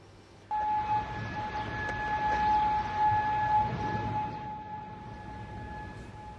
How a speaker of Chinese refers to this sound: 科威特全国当天早晨响起了警报